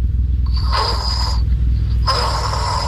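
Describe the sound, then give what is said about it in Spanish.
A father snoring while deeply asleep: two long, raspy snores, each close to a second, with a steady low rumble underneath and a short pause between them. No one speaks. “y ese es el ronquido de mi papá.”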